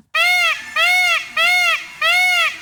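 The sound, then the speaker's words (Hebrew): A peacock screams four times in quick succession, each call a loud, harsh, nasal wail about half a second long, evenly spaced with nothing else behind it. “לדוגמה, כאשר טווס פגש את נקר על השביל, הוא היה מנפח את חזהו, פורס את זנבו הצבעוני והיפהפה וצועק.”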